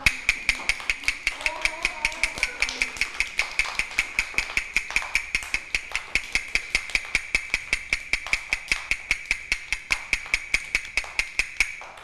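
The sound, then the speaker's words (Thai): Fast, steady tapping beats, roughly four sharp knocks per second, keep an even rhythm for the whole stretch, with a voice briefly speaking near the start. It is the fast rhythm in a children's movement and rhythm lesson. “คือจังหวะอะไรคะจังหวะเร็ว”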